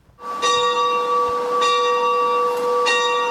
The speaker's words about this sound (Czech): Takhle zní zvon v kostele svatého Jakuba staršího v Hůrkách u Nové Bystřice. Teď už ale několik let mlčí.